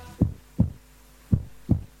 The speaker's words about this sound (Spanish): Estamos latiendo. Escuchá cómo laten los corazones, escuchá.